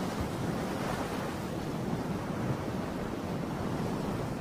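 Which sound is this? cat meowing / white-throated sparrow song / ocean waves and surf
ocean waves and surf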